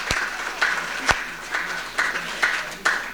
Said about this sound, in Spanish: ¿Cuántos? Un aplauso para nuestros hermanos de esta comunidad.